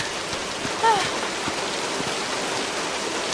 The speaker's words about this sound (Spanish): Llevo horas bajo la lluvia.